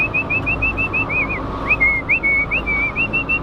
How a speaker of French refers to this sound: On toque à la porte, et puis après on avertit de notre présence. Elles nous reconnaissent, hein, elles reconnaissent les visages. Le fait que je sois là, vous n'avez pas un coup de sifflet différent? Non, pas du tout, non.